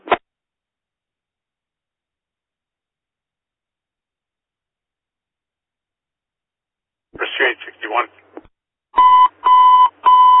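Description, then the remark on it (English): After a long silence, a brief garbled radio-like burst gives way to a loud electronic alarm sounding in three steady, ringing pulses, clear. “5410, bells ringing, 325 West Adams Boulevard.”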